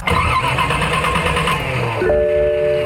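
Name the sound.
old car engine starting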